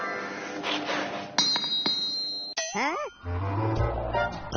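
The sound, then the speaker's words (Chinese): A hammer taps an anvil a few times during forging, as a signal that the striker can swing down, each strike ringing out sharp and metallic at an uneven pace, over a busy background with some voices and clatter. “这个就是信号，叫你可以砸下去了。”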